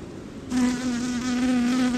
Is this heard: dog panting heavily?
no